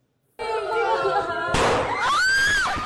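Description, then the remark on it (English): Two sudden loud gunshot bangs, about a second apart, fired by two teenagers in a primary school in the central Philippines, crack out over a din of panicked children's voices, followed by high, wavering screaming. “A loud bang. And another. This video shows panicked children in a primary school in the central Philippines in June.”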